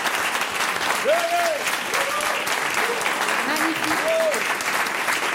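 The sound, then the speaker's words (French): Steady audience applause, a dense wash of clapping that holds at an even level throughout, with a few brief voiced calls or murmurs rising above it. “mais j'aimerais qu'on puisse les applaudir pour leur courage et leur audace.”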